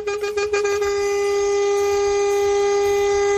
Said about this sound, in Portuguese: Tudo de bom, mas se tivesse cochilando depois dessa buzinada, menina, ou já foi dessa pra outra, ou acordou na hora, hein?